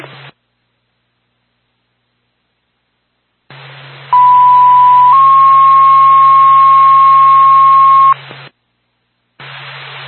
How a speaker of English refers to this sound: Whitefield Ambulance 1. A1 responding. Can we have a tone for fire for help?